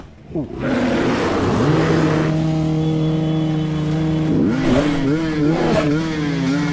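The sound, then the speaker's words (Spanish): Motorcycle engines rev loudly and continuously, with rising and falling pitch sweeps as the throttle is twisted, steady throughout, as motorcyclists in a forest drive off an attacking grizzly bear. “El oso grizzly ataca a la moto, quedando a tan solo pulgadas del motociclista, pero con el mismo rugir del motor de las máquinas lograron alejarlo, por fortuna para todos.”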